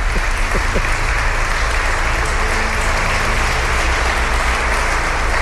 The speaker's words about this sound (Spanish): Un aplauso para ella, que me está diciendo que no, pero solamente hace falta que diga que no.